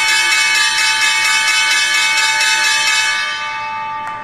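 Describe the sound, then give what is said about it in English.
The Wall Street stock exchange closing bell rings loudly and continuously for about four seconds, a bright, buzzing metallic clang that holds steady before tapering off at the end, with no voices. “At the closing bell, the Dow Jones Industrial Average lost 25 points, the S&P 500 fell 35 points, and the tech-heavy NASDAQ dropped 223 points.”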